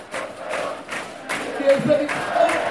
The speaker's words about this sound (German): Ja, großer Jubel.